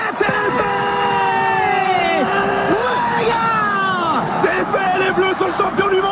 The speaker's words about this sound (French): avait réussi à rallier sa famille à Saint-Tropez, dans le Var, pour une inoubliable soirée, un 15 juillet 2018, historique, qui démarre par des cris de joie à Moscou comme partout en France.